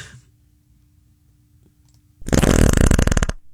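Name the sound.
fart sound effect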